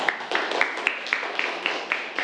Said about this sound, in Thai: ดีมากครับปรบมือเลยครับนักเรียน